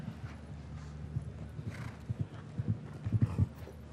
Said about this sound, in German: Die Galoppade ist eher ein bisschen kleiner bei diesem kleineren Pferd.